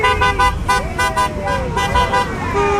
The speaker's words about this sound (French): Vous voyez, le conducteur qui vient de klaxonner est philippin.